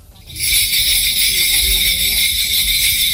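Dense, continuous jingling of many small bells from a recording of a Korean shamanic ritual called gut rings out loudly and steadily, a bright shimmering wash that starts abruptly and sustains throughout, with faint low rumbling beneath.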